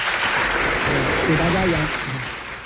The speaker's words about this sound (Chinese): 那先鼓掌后欣赏啊，开始。